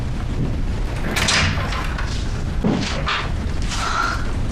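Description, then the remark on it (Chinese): An office door swings open without a knock, with a low thud and some scraping against a steady background rumble, followed by a few faint knocks and rustles. No one speaks. “怎么不敲门啊”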